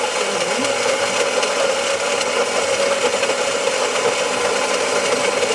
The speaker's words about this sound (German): Ich muss ganz ehrlich sagen, das kann alles Mögliche sein, aber Sie wissen es natürlich, es ist... Die Kaffeemühle in einer Kaffeemaschine. So genau! Absolut richtig.